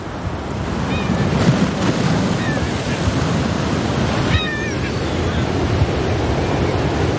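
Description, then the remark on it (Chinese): Steady, roaring surf and gusting sea wind on Inishvickillane island in November fill the whole stretch with a dense, rumbling wash, while a few faint, high chirping calls break through now and then. “每年十一月，这一幕都伴随着海风与海浪在伊尼什维基兰岛上演。”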